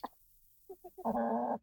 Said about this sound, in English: The Canadian chickens are fainter because I think they're further away from the laptop. The British one is the louder one.